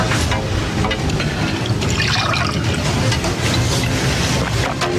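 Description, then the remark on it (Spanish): Water pours steadily into a glass, a continuous splashing trickle that lasts several seconds with no one talking. “¿Me puedo poner un poco de agua?”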